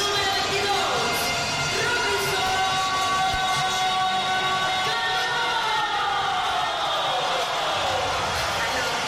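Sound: stadium crowd ovation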